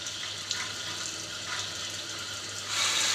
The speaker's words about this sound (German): Wasser los fürs Ansaugen.